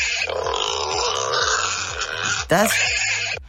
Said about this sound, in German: Das sind kleinere Wildschweine. Das sind Schweinchen.